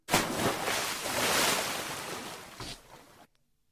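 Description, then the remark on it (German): A sudden loud splash as someone jumps into water, followed by several seconds of churning, rushing water and a smaller second splash before it cuts off abruptly. “Richtig, wenn einer ins Wasser hüpft.”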